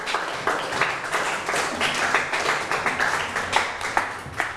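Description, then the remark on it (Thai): A group of students in a classroom claps together in a dense, steady burst of applause for several seconds for a classmate's correct answer, the rapid overlapping claps forming a continuous patter with no talking. “วัดพระปฐมเจดีย์ถูกไหมครับถูกต้องปรบมือให้เพื่อนหน่อยครับ”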